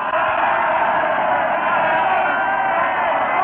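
A dense, agitated crowd filling a square, whirling, turning and shouting, roars continuously, many voices blending into a loud, steady wall of noise with no pauses.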